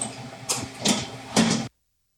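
A very large convection oven, able to bake five trays at once, drones with a low, steady mechanical hum, punctuated by three brief airy whooshing surges before the sound cuts off abruptly. No one speaks.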